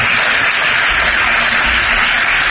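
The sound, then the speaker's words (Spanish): Dense, continuous applause as Feijóo and the Partido Popular board give a standing ovation to Ceuta's president Vivas, lasting several minutes; a steady wash of many hands clapping at once with no pauses, loud and sustained throughout. “Una ovación que ha durado bastantes minutos”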